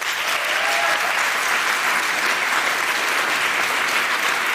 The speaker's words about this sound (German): Ihr dürft jetzt gleich einmal für euren Favoriten klatschen. Wer von euch ist denn lieber auf dem Rad unterwegs?